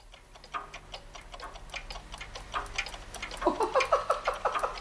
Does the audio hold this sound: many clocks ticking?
yes